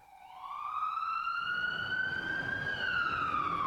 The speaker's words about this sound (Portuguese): A sirene ilustra sonoramente a urgência exigida nas vias da cidade. Nas ruas do Recife, socorristas e condutores de ambulância enfrentam diariamente uma maratona de obstáculos que envolve trânsito denso, vias não pavimentadas, buracos e desníveis